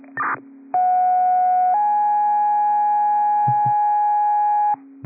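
Dispatch alert tones paging a response to Gaven Drive: a brief crackling burst, then a steady electronic tone that shifts to a second, slightly higher tone held for about three seconds before cutting off abruptly.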